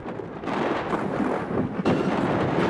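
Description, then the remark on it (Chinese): At night in Daming County, during a thunderstorm with flashing lightning and strong gusts, heavy rain and hail pour down in a dense, loud roar alongside deep rumbling thunder, with the downpour surging in after a brief quieter moment and another heavy burst near the end. “顷刻间，天空雷声大作，电光频闪，一阵强降雨夹杂着冰雹倾泻而下。”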